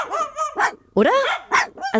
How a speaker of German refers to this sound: Also, die beiden Kläffer da unten, ob die sich streiten? Oder nee, Moment. Die spielen einfach nur.